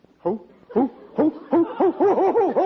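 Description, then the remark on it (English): A man's voice hoots like an owl in a rising, repeated series: a few spaced calls at first, then quicker rounded hoots running together, fairly loud, with no other talk. “What are you hooting like an owl for?”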